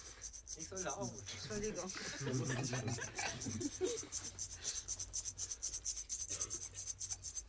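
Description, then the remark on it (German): A dry, rasping rattle made with an object, imitating a rattlesnake, buzzes steadily and grows into quick, even pulses; voices murmur faintly beneath it early on. “Bingo. Klapperschlange.”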